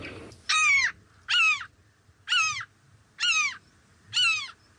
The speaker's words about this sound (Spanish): En este caso es una gaviota común, común.